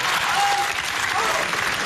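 A burst of audience applause called for by a stage performer, dense and steady clapping from a crowd filling the whole short moment at a fairly loud, even level.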